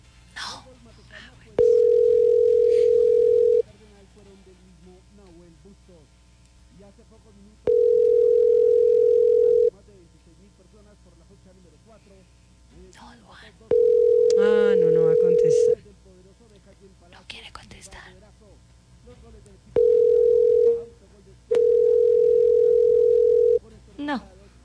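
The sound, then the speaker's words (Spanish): A steady telephone ringback tone repeats in long, evenly spaced bursts, about five rings with pauses between them and no one picking up, while faint voices murmur in the gaps. “No va a contestar. No, cuélguele eso.”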